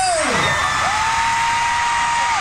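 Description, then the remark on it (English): A huge stadium crowd of Korean pop fans at a Saturday night concert at Rogers Stadium in Toronto, Canada, roars with cheers and screams in pouring rain, a dense, loud wall of noise with high-pitched shrieks sliding up and down above it throughout. “… fans got loud in the pouring rain.”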